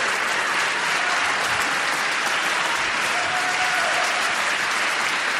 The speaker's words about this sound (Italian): Questo applauso vorrei dedicarlo a Totò e soprattutto ad una grande amica che ci ha lasciato, che ha scritto questa musica e che l'ha anche interpretata meravigliosamente,